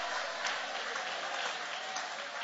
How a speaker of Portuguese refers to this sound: Levanta a mão e aplaude, levanta a mão e glorifica.